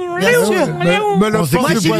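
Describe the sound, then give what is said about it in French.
A person vocally imitates the call of the peacocks in the Bois de Boulogne, producing loud, wailing, pitch-sliding cries that rise and fall over about two seconds, with strong harmonics and a couple of sharp upward swoops. “Ah non, bon, au bois de tout Boulogne, près, il y a des paons, moi, quand je passe devant. Ah, ouais. Tous les jours, je les entends faire...”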